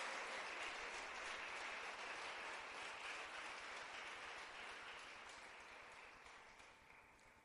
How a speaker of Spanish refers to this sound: Vamos a darle ese aplauso fuerte al Señor. Bendito Dios.